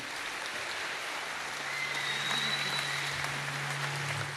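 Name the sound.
audience applauding the orchestra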